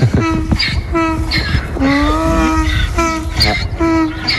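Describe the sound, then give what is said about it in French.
A donkey named Sirène brays loudly, a long run of rhythmic, alternating hee-haw calls with a harsh, reedy tone. The calls repeat steadily with no voices over them. “On entend sirène là.”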